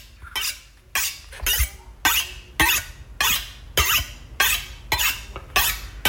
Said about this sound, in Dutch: Het slijpen van een mes. Ja, wat je zo aan het slijpen bent.